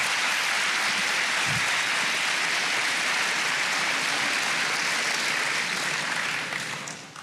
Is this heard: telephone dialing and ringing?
no